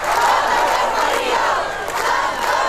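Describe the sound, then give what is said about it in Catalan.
A large protest crowd of about 1,000 people (2,500 by the organizers' count) chants and shouts in unison on a street in Sóller, in the Serra de la Tramuntana on Mallorca, protesting against mass tourism: a loud, dense roar of many voices that holds steady throughout with no pauses. “1.000 persones, segons dades oficials, 2.500, segons els organitzadors, s'han manifestat pel carrer de Sóller, al cor de la Serra de la Tramuntana.”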